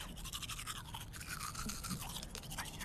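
Someone brushes their teeth with a toothbrush, a steady run of quick, rhythmic, hissy scrubbing strokes at moderate loudness, with no talking over it.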